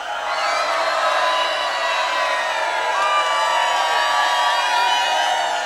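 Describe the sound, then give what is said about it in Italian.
A large live audience shouts and cheers loudly and continuously while being filmed. Many voices blend into a sustained roar, with occasional higher whoops rising above it. “Gridare!”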